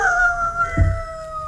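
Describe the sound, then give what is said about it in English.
A three-quarter Irish setter dog in Manchester Village, Vermont lets out a long, steady howl, its drawn-out tone holding level with no break, and a soft low thud lands partway through. No one speaks. “the three-quarter Irish setter. A good dog, usually a well-behaved dog.”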